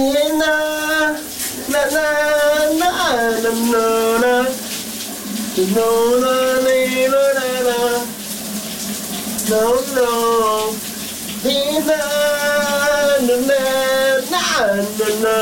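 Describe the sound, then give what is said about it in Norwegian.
A cool morning shower runs with a steady, hissing spray throughout, while a man, a colleague at the Danish radio station VLR, sings loudly over it in long, wavering notes. “Sommeren er endelig kommet til Danmark, og det kan da godt være, at vi hen over weekenden kommer til at tage et dejligt køligt brusebad, som min kollega”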